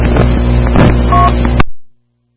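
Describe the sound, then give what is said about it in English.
Steady, loud rumble of a car cruising at highway speed up Interstate 75 into Marietta, heard as over a phone line, with a brief beep partway through before the noise cuts off abruptly into silence. “I was just calling, traveling up 75 here, coming into Marietta”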